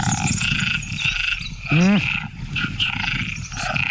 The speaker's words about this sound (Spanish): ¿Ranas? Lo primero parece un león. Batracios, grillos. Sí, muy bien, muy bien. Batracios, ranas. Ahí, muy bien.